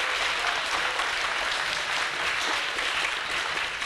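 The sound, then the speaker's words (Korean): A crowd applauds a professor after a lecture, clapping steadily for four seconds, a dense, even wash of many hands clapping with no pauses and no voices. “네, 좋은 강연 해주신 교수님께 다시 한번 큰 박수 부탁드리겠습니다.”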